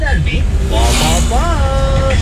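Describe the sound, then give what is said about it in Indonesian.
Steady road traffic rumbles at the Simpang 3 Pendem junction, with engines droning and vehicles moving past continuously, while voices can be heard talking over the busy street noise. “Nah, ini lalu lintas di Simpang 3 Pendem.”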